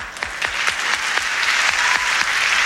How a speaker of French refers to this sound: L'arbitre étant M. Ambrose Pérez, qu'on a applaudi bien fort.